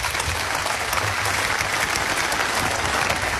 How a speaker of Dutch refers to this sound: Ik dank alle sprekers, voor alle sprekers een applaus voor het delen van zulke belangrijke verhalen vanmiddag.